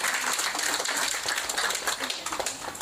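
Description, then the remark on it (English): Sustained applause from an audience, a dense wash of many hands clapping at a steady, fairly loud level for a few seconds with no one speaking over it. “So I think a round of applause to you, everyone.”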